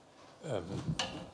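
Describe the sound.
A chair is shifted into place with a short wooden scrape and knock during an award presentation in Berlin, while a voice murmurs briefly just before it.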